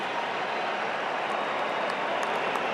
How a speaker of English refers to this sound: Big applause from the crowd seeing Doué come in.